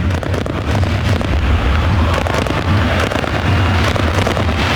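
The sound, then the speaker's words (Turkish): Fireworks crackle and pop in a dense, continuous barrage, loud, with sharp bursts layered over a steady low rumble, set off in a large open-air stadium in Zenica during a football match, where Bosnian fans have also lit flares. “Bir havai fişek gösterisi de var tabii ki şu an. Sesleri siz de duyuyorsunuz.”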